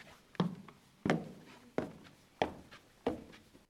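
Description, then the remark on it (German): Footsteps going up a staircase to an upper floor with book shelves: five firm, evenly spaced thuds in a steady climbing rhythm, moderately loud, with no talking. “Oh, ich sehe gerade, hier geht noch eine Treppe hoch. Na, meine Güte. Da kriegt man aber seine Schritte rein an einem Tag.”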